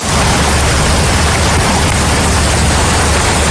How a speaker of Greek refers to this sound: Δρόμοι έχουν μετατραπεί σε ποτάμια στην Σκιάθο. Τα ορμητικά νερά παρασυρούν τραπεζοκαθίσματα και άλλα αντικείμενα από τα καταστήματα.